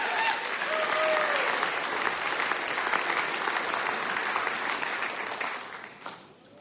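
Steady, dense audience applause for a musical duo, with many hands clapping at once, holding strong for about six seconds before quickly tapering off at the end. A faint whistle briefly rises over the clapping early on.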